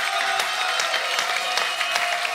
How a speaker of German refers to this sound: Man hört es gerade an dem Applaus, der aus der Hetschbacher Fanecke kommt. Ich habe das Gefühl, der halbe Ort ist da.